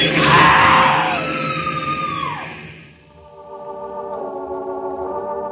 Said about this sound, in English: A woman screamed.